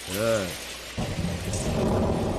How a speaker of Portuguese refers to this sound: É, o pessoal tá falando que tá chovendo, eu sei, gente, que tá chovendo, eu sei que tá chovendo, eu sei.